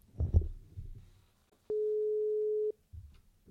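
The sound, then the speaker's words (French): One steady telephone ringing tone sounds for about a second, loud and clean, after a stretch of low muffled rumbling, as a call is placed to a former high school pupil for an interview; no one speaks. “Nous partons maintenant au téléphone pour échanger avec une autre ancienne élève du lycée,”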